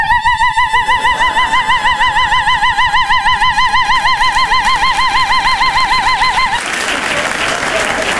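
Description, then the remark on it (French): A voice imitates a car alarm with a loud, high, rapidly warbling tone held steadily for about six seconds, then gives way to a burst of noisy, applause-like clatter. “De toute façon, si quelqu'un me touche, je me déclenche comme l'alarme.”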